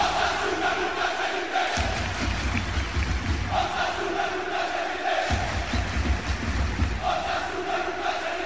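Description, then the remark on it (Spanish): A large crowd of Osasuna football fans at El Sadar, at an open training session sending off their team, chants loudly and rhythmically in unison, their voices rising in repeated surges with sustained tonal bands, a dense roar of massed singing and shouting throughout. “El grito de guerra en el Sadar”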